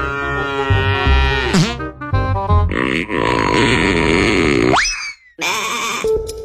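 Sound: cow mooing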